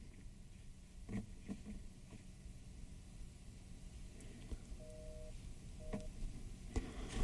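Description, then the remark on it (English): Faint telephone dialing tones, a short steady dual-pitched beep followed by a brief second one, over a low rumbling, hissy background line with scattered clicks and no talking. “Okay, I think we're having something with the phones here. Let me try again. Busy numbers here.”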